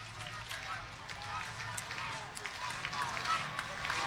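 A baseball crowd of Indians fans claps in a steady rhythm as their team, trailing Louisville 5-3, is down to its final strike on an 0-2 count, sharp repeated claps rising over a constant roar of cheering and murmur, loud and dense throughout.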